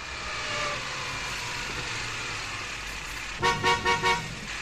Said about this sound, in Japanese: ああ、車で来るんじゃなかったな。 ブーブー鳴らしたってこの車の列じゃ。暑い上に埃と排気ガス。